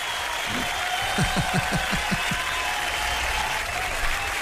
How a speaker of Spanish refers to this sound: ¿Dónde están los aplausos, hermano? ¿Dónde están los aplausos? Se durmieron.